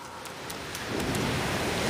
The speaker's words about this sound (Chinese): 是海浪的声音， 我们最好问问陆马，海滩那边是什么情况。